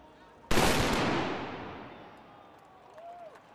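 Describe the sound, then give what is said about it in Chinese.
A single loud black powder gun salute shot, fired by men in traditional Bavarian costume on the steps of the Bavaria statue at the closing ceremony of the 191st Munich Oktoberfest, booms out suddenly after a short quiet start, then rolls away in a long, slowly fading rumble, with a faint whistling tone near the end. “闭幕仪式现场，约60名身穿巴伐利亚传统服饰的男女站在巴伐利亚雕像的台阶上，两旁有人手持旗帜，身着传统装束的男子接连鸣响黑火药枪，以隆重的仪式宣告本届盛会结束。”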